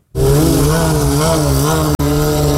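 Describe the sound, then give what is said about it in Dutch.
A loud motorcycle engine revs steadily during street racing in Lelystad, Netherlands, with a rising and falling whine, breaking off for an instant near the end before roaring on again, like a gear change. “Vanuit heel Nederland komen motorrijders in het weekend geregeld naar Lelystad om te straatracen en driften.”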